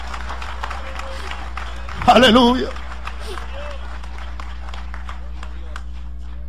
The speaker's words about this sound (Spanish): Dale ese aplauso de alabanza al Señor.